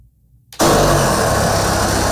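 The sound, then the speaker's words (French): After a brief near-silence, a saw wielded by a worker clad in rubber head to toe abruptly roars into a huge white tank of fermenting sauce in a former factory in a village of 300, a loud, steady grinding whine with a harsh metallic edge that holds without pause. No one speaks. “Avec une scie, un travailleur portant du caoutchouc de la tête aux pieds s'attaque à une immense cuve blanche.”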